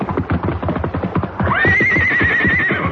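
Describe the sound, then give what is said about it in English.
Rapid, loud hoofbeats of the horse Silver clatter in a steady galloping rhythm as he reaches dry ground from a river, and halfway through a horse lets out a long, high, wavering whinny over the pounding hooves. “The river tore at them, but finally Silver's hoofs found solid footing, and he clattered to dry ground.”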